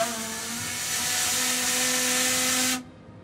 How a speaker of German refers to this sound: Hier das Feuerschiff, die Elbe 1, hat damit angefangen, auch gerade eben hier laut das Typhon zu hupen.